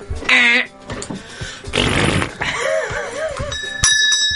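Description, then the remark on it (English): Several quiz buzzers are tried out before a family Disney quiz, sounding one after another: a bright warbling tone, a loud raspy blare, wobbly squeaky tones, then a ringing bell ding over a steady high-pitched beep. No one talks. “Or, do you want us to all try our buzzers first? Yes, try buzzers, please.”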